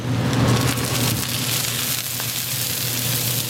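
An oyster omelette sizzles and spatters steadily on a hot griddle, a dense crackling hiss with sharp pops scattered throughout, loud and continuous with no voices.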